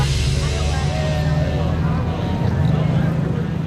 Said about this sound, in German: 300 Autos aus den vergangenen 100 Jahren knattern durch Springfield in Missouri. Die Geburtsstadt der Route 66 feiert. Es ist der offizielle Auftakt für die Feierlichkeiten in diesem Jahr.